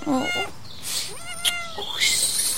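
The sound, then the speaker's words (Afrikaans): Newborn kittens, probably no more than about five days old, mew in thin, high-pitched squeaks, several cries overlapping and following one another closely, clear, with no talking. “My eerste katjies.”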